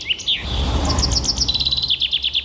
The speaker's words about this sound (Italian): Questo è il fringuello. È l'imitazione o quello vero? Questo? Allora, l'imitazione noi non l'abbiamo trovata, ma il fringuello rosa comune fa proprio così.